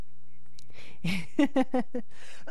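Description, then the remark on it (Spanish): One short, rough cough bursts out, followed by a quick run of four choppy voiced sounds, moderately loud against a quiet background. “Ay, ay, ay, esta tos me da. Hasta la tos me da.”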